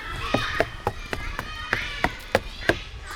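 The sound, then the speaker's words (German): Running footsteps thud in a quick, steady rhythm as people run toward car thieves, about ten sharp strides over a few seconds, moderately loud against a quiet outdoor background. “Aber komm, wir rennen dahin.”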